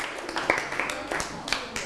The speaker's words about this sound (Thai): นะครับปรบมือให้กับเพื่อน